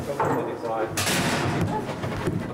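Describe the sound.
A door is pushed shut with a foot, making a single dull thud and a brief scraping rush, fairly loud, with faint room noise and muffled voices around it.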